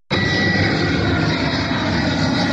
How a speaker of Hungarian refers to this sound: Egyre nagyobb elégedetlenséget vált ki Budapesten az éjszakai repüléssel járó zajhatás. A 24.hu cikke szerint az úgynevezett mély alvási időszakban, vagyis éjfél és hajnali 5 óra között a megengedetnél több gép indul vagy érkezik Ferihegyre.